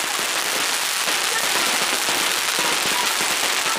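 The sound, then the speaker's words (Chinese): Fireworks crackle loudly and continuously on a Qiaoling fire dragon, a colored dragon covered in fireworks carried running by bare-chested team members in a Chaoshan New Year folk custom; a dense, rapid hiss of sputtering pops that holds steady throughout without pause. “队员们打赤膊，穿短裤，头戴竹笠，双手托着插满烟火的彩龙，奔跑如飞。”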